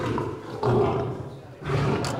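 A lion roars in deep, rumbling bursts, two powerful surges separated by a brief lull, with no voices present.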